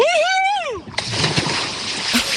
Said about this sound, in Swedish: Så när du är redo så tar du väl ett plask, tänker jag. Ja, men då kör vi då. Ja! 1, 2, 3.